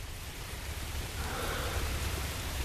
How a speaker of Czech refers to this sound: Ke všemu začíná pršet.